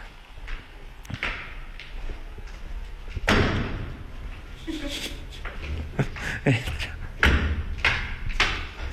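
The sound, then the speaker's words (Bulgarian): Heavy footsteps and dull thuds land irregularly, with several loud impacts against a rumbling background and faint murmuring voices. “Стъпки.”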